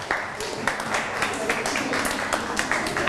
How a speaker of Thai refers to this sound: ทุกกลุ่มปรบมือให้ตัวเองหน่อย